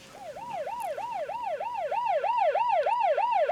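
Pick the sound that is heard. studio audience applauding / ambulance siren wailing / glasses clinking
ambulance siren wailing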